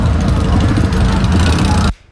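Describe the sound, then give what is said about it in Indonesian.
A loud, steady rumble of many motorcycle engines idling together in an Arema supporters' convoy at Balai Kota at night, a dense low drone with murmuring underneath, cutting off abruptly near the end. “Ini banyak yang pakai sepeda motor.”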